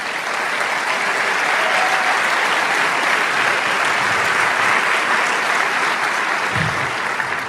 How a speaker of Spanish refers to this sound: Gloria al Señor, ese aplauso es para el Rey.